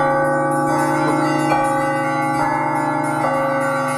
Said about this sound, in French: Au-dessus de la foule et de la ville illuminée, on entend le chant triomphal des cloches. Les tons profonds du bronze, les tons purs de l'or,